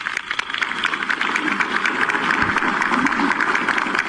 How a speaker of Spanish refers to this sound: Un aplauso, por favor, para él.